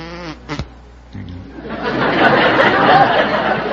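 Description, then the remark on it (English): A brief vocal sound, then a voice imitating a buzzing bumblebee: a rough, breathy drone that swells and holds steady for a couple of seconds, fairly loud. “Yes, I can do a bumblebee.”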